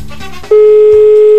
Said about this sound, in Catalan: Estem trucant a la primera persona. Tothom atent.